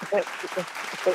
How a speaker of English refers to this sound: Ah, round of applause for the Virgos.